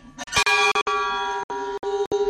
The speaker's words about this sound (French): Alors, il faut savoir que ce monsieur était lui-même pèlerin. Il est passionné de cloches, il l'a fait réaliser pour nous, et on en est ravis.